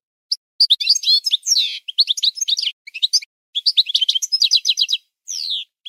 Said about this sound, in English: Here, let's listen a little bit to a European goldfinch.